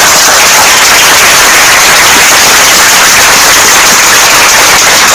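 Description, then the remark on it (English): A steady burst of applause from a class for a correct quiz answer, many hands clapping in a dense, crackling wash of sound that stays loud and even for about five seconds with no voices over it. “Another applause.”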